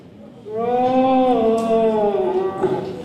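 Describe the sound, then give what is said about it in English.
A child imitates a deer call with one long, drawn-out, howl-like note that rises slightly and then sags, loud and sustained for about two and a half seconds with no talking. “The next generation of hunters there doing their best deer impressions.”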